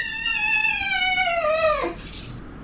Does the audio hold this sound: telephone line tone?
no